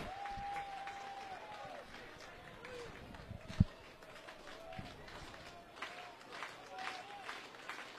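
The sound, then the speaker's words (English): A ballpark crowd of Carolina fans roars and cheers steadily at a baseball game, with a sharp whistle early on and a single loud crack partway through, the noise broad and continuous from start to finish. “Carolina's fans cheering.”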